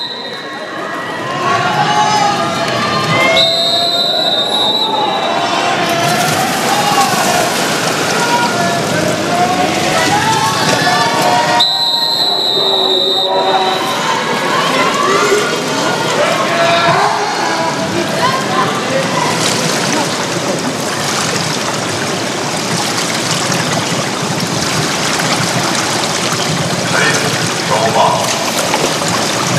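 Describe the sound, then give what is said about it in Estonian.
A loud, dense crowd roar fills the swimming arena in Paris throughout as Norwegian fans chant during the first women's 50 m backstroke semifinal, with a couple of brief shrill whistle-like tones early on and a voice talking over the din. “Ja kuuleme, et ka Norra bännid on jõudnud Pariisi. Tuttava jalgpalli MM-ist Ruu on juba kuulda.”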